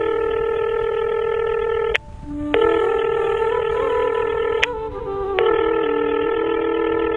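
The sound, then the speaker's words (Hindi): Steady electronic telephone tones with stacked harmonics, broken by two short gaps where the pitch shifts, like dialing beeps followed by a ringing tone, as a phone call is made to find out where someone is. Clear and unaccompanied by voices. “अच्छा ठीक है, छोड़ो, तुम आ जाओ, लेकिन एक बार फोन करके पता कर लेना कि कहाँ है वो।”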